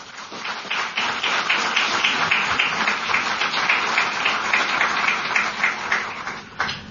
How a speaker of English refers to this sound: All right, so we're done with the award announcement, so a big round of applause for all of you.